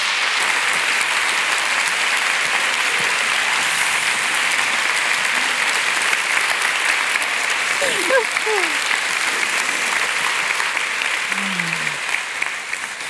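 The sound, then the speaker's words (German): A large audience in Frankfurt claps steadily for over ten seconds to welcome authors Cornelia Funke and Jagoda Marinic onto the stage of a literature event, a dense, sustained wash of applause, with a few faint voices surfacing near the end. “Und jetzt bitte ich Sie, Frankfurt, Cornelia Funke und Jagoda Marinic mit einem gebührenden Applaus zu begrüßen.”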